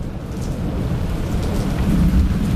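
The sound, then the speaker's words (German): A thunderstorm: steady, dense rain hiss over a deep, rolling rumble of thunder that swells louder toward the end. There is no talking. “so auf eine Terrasse raushocken, schön am Schärmen und ein bisschen Gewitter zulassen.”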